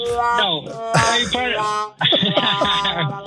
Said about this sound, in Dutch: Ja, en we doen nog even een toeter, maar ja, dit is geen luchthoorn, maar ja.